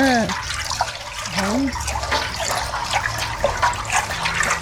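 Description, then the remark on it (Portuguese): The contents of a pot of water with aniline dye added are stirred for dyeing so they don't clump, with continuous sloshing and small splashes and drips. A voice briefly sounds near the start. “É, coloca na água. Pega aqui, mexe. Pra não ficar embolado.”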